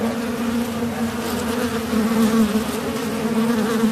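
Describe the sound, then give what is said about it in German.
Wasps buzz steadily around a nest entrance, a gap in the exterior facade on the second floor of a house, as a man leaning out of a window pumps powder into it. A dense, continuous drone with overlapping whines from many insects, no voices. “lehnt sich zum Fenster raus und pumpt das Pulver in den Spalt, wo die Wespen rein- und rausfliegen.”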